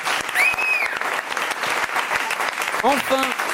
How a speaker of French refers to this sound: Évidemment, la personne qui a répondu juste au plus de questions parmi nos invités, je vous propose de l'applaudir